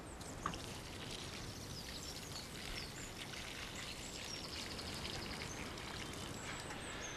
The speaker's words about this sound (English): Now the next thing to do is to water, and that really is important.